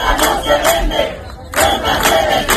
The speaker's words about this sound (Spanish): Ceuta no se vende, Ceuta se defiende, es el grito que esta tarde va a resonar en las calles de toda España.